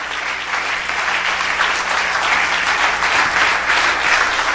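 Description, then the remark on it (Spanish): A large crowd claps steadily and loudly for several seconds, a dense, continuous wash of applause for Christ with no pauses or speech. “Y que el aplauso sea fuerte, grande y largo en lo que ellos cambian esas cosas allá.”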